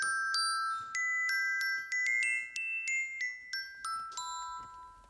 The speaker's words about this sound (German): Das ist ein Glockenspiel. Das ist ein Melodieinstrument, eines der wenigen.